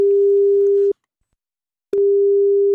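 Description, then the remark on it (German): A steady, low telephone ringback tone of an outgoing call sounds clear, pausing for about a second before sounding again, with no voices present. “Und er hat dann angerufen.”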